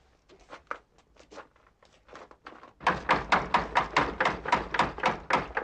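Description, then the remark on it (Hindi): Rapid knocking by a visitor on the wooden door of a house, starting as a series of softer, scattered raps and then turning into a loud, insistent, evenly spaced pounding. No voices. “दरवाजा खोलने से पहले पूछो कि कौन है।”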